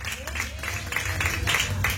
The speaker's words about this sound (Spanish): Dale una ofrenda de palmas fuertes a nuestro Dios, iglesia. Aleluya.